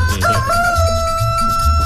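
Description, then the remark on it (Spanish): A rooster crows loudly, one long, strained call that rises at the start and then holds steady, with a low rumble of background noise underneath. “bueno, aquí te va a cantar gallo. ¡Canta gallo!”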